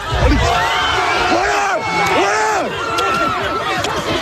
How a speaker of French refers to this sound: Ce sont les mêmes vidéos, les mêmes cris qu'on entend de jeunes gens qui paraissent ou décérébrés, ou je me demande ce qu'ils ils prennent conscience de ce qu'ils font, une sorte de folie qui les fait de groupe, qui les gagne.